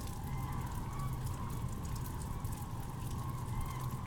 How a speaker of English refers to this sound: The rain suddenly slowing down just now, the sky brightening just a hint.